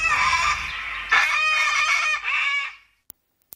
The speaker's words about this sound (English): First time I've heard that sweeper. It's called a cockatoo sweeper. It's got a cockatoo squawking in the background. There you go. Must be new.